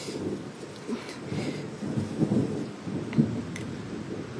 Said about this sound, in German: Ist schon unheimlich, so ein Gewitter.